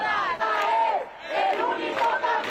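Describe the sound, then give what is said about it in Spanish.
A large protest crowd shouts together at night in loud, sustained bursts of overlapping voices, rising and falling like a chant, with two brief dips before the yelling swells again. “El dolor dio anoche paso a la rabia y el silencio a los gritos.”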